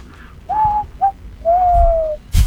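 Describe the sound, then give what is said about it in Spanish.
Someone whistles an imitation of pigeons cooing: two short, mellow notes followed by a longer steady one, fairly loud, ending with a brief breathy puff. “Oh, yo le haría, le enseñaría a hacer el ruido de las palomas, silbando.”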